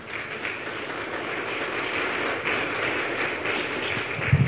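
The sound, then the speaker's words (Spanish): Steady audience applause for the Lord, a dense wash of many hands clapping at once, sustained and fairly loud from start to finish with no voices over it. “Un aplauso para el Señor, por favor.”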